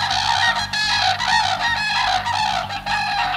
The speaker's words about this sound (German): Also das ist welcher Vogel, Emily? Der Kranich?